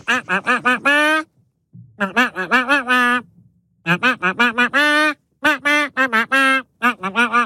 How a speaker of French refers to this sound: Nos canards ont la particularité d'interpréter des tubes en version canard. Ce matin, il fallait identifier ce tube.